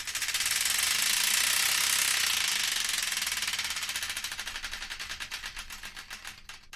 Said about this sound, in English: before we do, we've got to spin the Wheel of Destiny to find out which one.